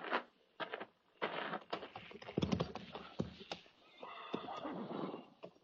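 A horse whinnies loudly amid the sharp, irregular clatter of hooves on hard ground, with several short knocks and shuffles and no talking.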